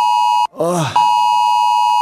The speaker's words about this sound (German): Ey, wirklich, es war ein schlechter Tag, um Ohren zu haben. Bin echt jedes Mal wieder überrascht, wie laut so ein Handy eigentlich sein kann.